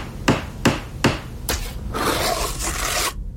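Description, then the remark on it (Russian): Four sharp, evenly spaced hammer blows ring out during home renovation, followed by a couple of seconds of harsh scraping noise before it cuts off abruptly. No one speaks. “Отделайтесь от бесконечного ремонта.”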